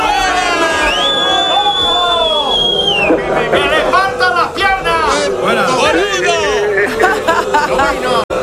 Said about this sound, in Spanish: ¿Nos vas a permitir que te despidemos con este abucheo?